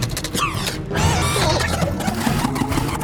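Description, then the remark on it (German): A printer churns out a few sheets with steady mechanical whirring, rattling and rapid clicking, fairly loud, rising after a short pause and running on continuously without any voices. “Der Drucker spuckt ein paar Blätter aus, auf denen die Entführerinnen abgebildet sind.”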